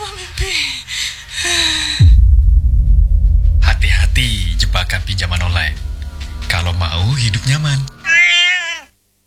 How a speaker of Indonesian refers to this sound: Siapa itu? Siapa? Kucing.